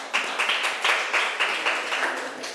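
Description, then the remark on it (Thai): A group of students in a class claps together for a classmate who answered a question, producing a dense, steady patter of hand claps with a loose rhythmic pulse about twice a second, fairly loud with no talking. “ค่ะเก่งมากปรบมือให้เพื่อนหน่อยค่ะ”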